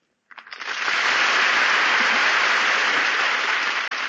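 A crowd breaks into applause for Meredith Wilson, Jose Ferrer and Ray Middleton after a reading; the clapping quickly swells to a full, steady roar and holds at that level throughout, with no voices heard over it.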